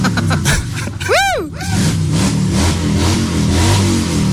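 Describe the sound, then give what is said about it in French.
A Harley-Davidson motorcycle engine rumbles loudly, gives one sharp rev that swoops up and back down in pitch, then settles into a deep, throbbing idle. “Alors là, le président déjà, il s'est mis sur sa moto.”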